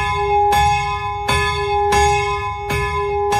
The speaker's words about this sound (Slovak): a tam normálne visí zo stropu taký motus, a ten pán ho chytí, pozrie sa na hodinky, že kedy má presne začať zvoniť a 10 minút pred omšou začne zvoniť na tom.